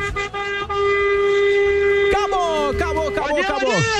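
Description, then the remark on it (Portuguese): Several car horns honk together in a loud, sustained blast during an organized honking event (buzinaço). They hold a steady tone at first, then break into overlapping, wavering honks from multiple vehicles, with what may be voices mixed in. “Depois de amanhã tem mais, acabou o nosso buzinaço.”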